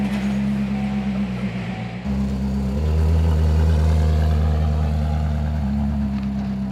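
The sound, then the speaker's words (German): A Koenigsegg supercar engine rumbles loud with a deep, steady drone, shifting pitch a couple of times as it revs and changes gear while driving past an ice cream parlour with its door open. No one speaks. “Das ist doch Hollywood-tauglich sogar fast, wie das aussieht mit der offenen Tür, so an der Eisdiele vorbeifahren.”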